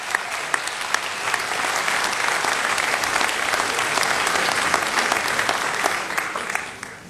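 A live audience at the Mountain Stage live performance radio show in West Virginia applauds a singer steadily for about seven seconds, a dense wash of many hands clapping at an even, loud level before tapering slightly at the end.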